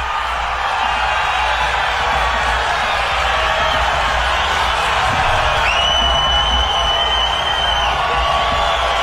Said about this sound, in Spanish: Bueno, definitivamente eso que estamos escuchando ahí de fondo es chiflidos de la gente porque no están de acuerdo de que hayan convocado a Neymar Junior a la selección.